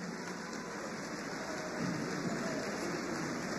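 Sustained audience applause for musicians at the Patrimonio en Estudio show, a dense, steady crackle of many hands clapping that holds at an even loudness for the full few seconds, with no voices.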